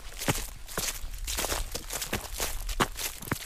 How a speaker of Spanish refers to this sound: Y tras la cima, bajo rápido por estos robledales y pisando ya las hojas que el otoño va dejando en el suelo.